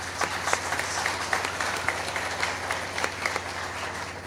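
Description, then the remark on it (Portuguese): A crowd at a Holy Mass applauds steadily, giving a round of applause to the local businesses that help keep the Mass on the radio. A dense patter of many hands clapping at once with no break, moderately loud and even throughout, a few sharper claps standing out. “Uma salva de palmas a todos eles.”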